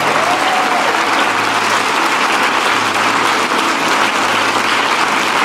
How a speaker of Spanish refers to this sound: Yo quiero que todo líder de grupo hecho levante su mano ahora. Vamos, levántalo. Déjalo en alto. Todo el mundo, dele un fuerte aplauso a ellos.